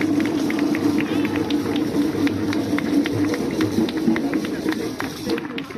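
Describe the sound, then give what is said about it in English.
Steady audience applause at a festival in Austria for a woman representing Africa, a dense patter of many hands clapping continuously for about six seconds at an even, fairly loud level, with a low murmur of voices underneath. “My sister, let us give you a hand of applause for this wonderful job that he's doing.”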